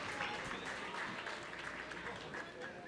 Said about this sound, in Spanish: Un aplauso para él, el aplauso, como que no quiere su premio, ¿verdad?